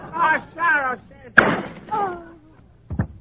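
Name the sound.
gunshot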